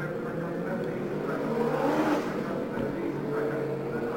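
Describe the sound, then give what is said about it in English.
Race car engines drone steadily on the track during a race, with 18 cars still running and 15 out, a continuous loud roar that swells briefly midway before settling back to an even, whirring hum. “18 cars were running and 15 cars were out of the race.”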